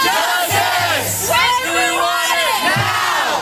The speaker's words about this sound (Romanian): Strigătul a sute de studenți indignați a răsunat în campusul Universității Cornell. Tinerii cer demisia conducerii pe care o acuză că a perpetuat și ascuns sub preș o cultură a violului.